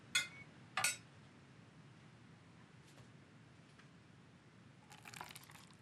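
Water is poured into a glass, opening with two sharp clinks, followed by a quiet pause and then a short, hissing splash of liquid near the end.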